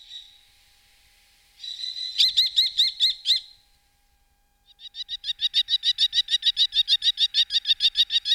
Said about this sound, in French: Et pour terminer, un rapace, le petit faucon cresserel que tout le monde connaît et a déjà vu voler en surplace.